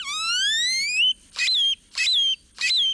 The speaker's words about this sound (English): Or jumbled and metallic, like this great-tailed grackle's.